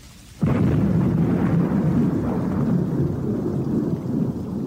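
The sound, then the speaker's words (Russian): After a brief quiet moment, the first loud gust of wind of a summer thunderstorm bursts in with heavy rain, holding a steady deep roar. Scattered dull thuds of apples torn from the branches by the wind hitting the ground are buried in the downpour. “Но вот первый порыв ветра, первые крупные капли дождя и застучали о землю сорванные ветром яблоки.”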